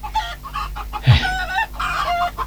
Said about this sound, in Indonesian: Coba kau bantu bapak mengurus ayam-ayam ini